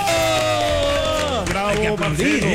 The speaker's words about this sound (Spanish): ¿Pero dónde están los aplausos? ¡Oh, bravo, bravo!